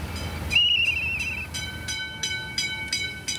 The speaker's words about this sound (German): So einen alten Schienenbus kennen vielleicht noch einige. Damals hat er die Dörfer miteinander verbunden. Aber jetzt geht es hier auf der alten Strecke zwischen Lütjenburg und Malente um die Mobilität der Zukunft.